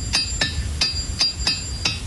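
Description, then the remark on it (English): Six sharp metallic hammer strikes ring out at an uneven pace, each a crisp clang with a brief bright ring, over a low background rumble with no talking. “We may even find things around our house that we can use, but please don't use a hammer and make sure you ask permission.”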